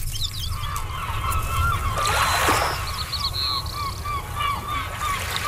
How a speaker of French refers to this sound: Cet oiseau de mer de la famille des Laridés n'est pas que le surnom d'une amie chère ou le voleur de miettes d'une île Grenville.